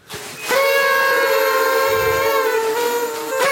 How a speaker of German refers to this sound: Okay, ganz kurz mal, wo kommen diese Tröten jetzt hierher? Das sind Partytröten.